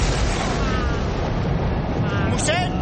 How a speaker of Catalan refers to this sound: Un segon llamp cau directament sobre l'església.